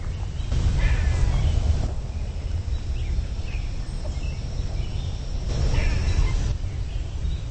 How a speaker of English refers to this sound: Is that a different cat bird? That sound? Yeah. That's an eastern gray squirrel. Oh, it's a squirrel. Okay. Doesn't sound like the squirrels I have at home.